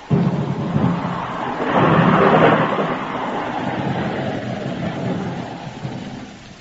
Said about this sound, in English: Oh, dang this rain.